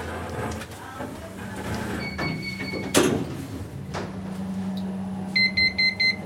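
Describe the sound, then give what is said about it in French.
A tone sounds as elevator doors slide shut with a solid clunk, then a steady low hum of the lift moving. A quick run of four electronic beeps follows near the end. “Fermeture des portes.”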